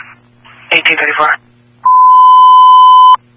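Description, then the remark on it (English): A short burst of crackly radio voice gives way to a loud, steady electronic alert tone holding one pitch for over a second, then cutting off sharply: Monument Fire Medical dispatch tones paging units 531 and 583 to a seizure at Mountain Springs Recovery, 1834 hours. “Tones and pages at 1834.”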